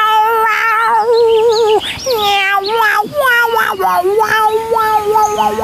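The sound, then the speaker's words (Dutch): A cat meows in long, drawn-out, wavering cries that slide up and down in pitch almost like a violin, loud, repeating without pause for several seconds. “Ik kan miauw en als een viool.”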